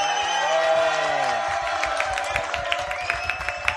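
Audience applause breaks out after a brief sustained tone, a steady patter of many hands clapping at moderate loudness, with a faint hum lingering underneath.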